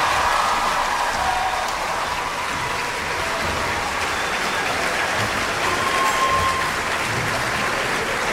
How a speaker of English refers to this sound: But please give a big round of applause to the World Youth Symphony Orchestra one more time.